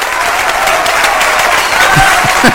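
A crowd applauds steadily, a dense wash of many hands clapping at an even loudness, with a few faint voices calling out beneath it near the end.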